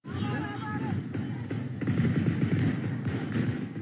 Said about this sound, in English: Fighting has escalated again in the Tigray region of northern Ethiopia. On Monday, federal armed forces took control of the city of Alamata. You're going to hear gunfire in this next clip here.